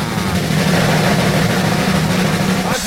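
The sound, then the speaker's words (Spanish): A free passenger bus for the Altamira–Tampico route idles, a steady, loud low rumble with a faint rattling texture that holds constant throughout the few seconds. “Bello, el autobús de la mejor FM.”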